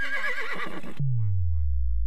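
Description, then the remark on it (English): A single loud horse whinny with a shaky, quavering pitch, cut off abruptly and followed by a deep, falling whoosh that slides down into a low rumble. “The horse is here.”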